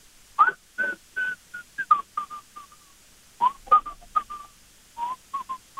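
Someone whistles a Soviet classic tune through a respirator held to the face, in short, breathy phrases around a steady mid pitch, with brief pauses between notes and a longer gap midway; no talking.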